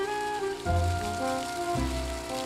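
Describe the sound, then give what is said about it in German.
Water sprays steadily from a hose shower, turned on by a forester in the morning for wild boars in their enclosure during hot weather: a continuous hiss and patter like heavy rain, with a faint tonal hum underneath and two brief low surges in the flow. “Forstwirt Christian Franken hat die morgendliche Dusche angeworfen.”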